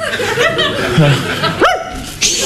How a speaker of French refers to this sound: Viens ici, au pied le chien. Couchez, Bédo. Couchez.